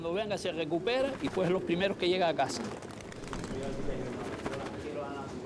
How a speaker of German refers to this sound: Dieses Glück scheinen die Männer heute zu haben. Alle Tauben kehren heim. Es ist alles gut. Die erste Trainingseinheit hat geklappt. Wir vermissen keine einzige Taube. Gerade sind noch 20 bis 30 in der Luft, aber die kommen gleich.